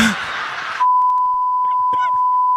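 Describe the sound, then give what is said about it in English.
A phone gives a single long, steady electronic beep that holds loud and unbroken, following a short burst of rustling noise, while a voice speaks faintly underneath, as someone dials a written-down phone number beginning with 202. “I wrote the number down. I don't know if it's the right number. Let's try it. 202.”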